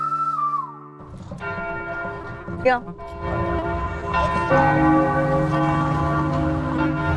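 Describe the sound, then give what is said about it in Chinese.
Large outdoor church bells of an old city ring continuously with rich, overlapping tones that swell and layer over each other, filling the air, with faint background street ambience. “哟，那一个城市有钟声也是好的哈。 很多古老的城市，才会有这种露天的钟声。”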